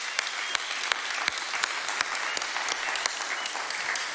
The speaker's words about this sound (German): Ey, mal einen fetten Applaus, dass ihr alle mit dabei seid. Richtig cool.